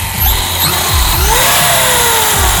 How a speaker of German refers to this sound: RC Cars, also ferngesteuerte Autos. Dafür gibt es sogar Weltmeisterschaften. Also es ist nicht nur was für Kinder, sondern es ist ein richtiges Hobby für Erwachsene.